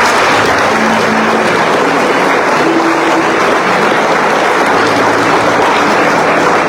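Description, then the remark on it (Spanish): Sustained, loud audience applause given to congratulate and thank those present fills the whole stretch, a dense steady wash of many hands clapping with no pauses and no voices on top. “Les felicitamos y les agradecemos su presencia con un fuerte aplauso.”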